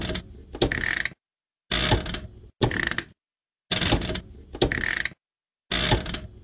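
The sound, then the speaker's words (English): Clicky mechanical clatter from a washing machine's on-off switch, worked in several short bursts of about half a second each, separated by silence. Fairly loud, with no voices. “The on-off switch.”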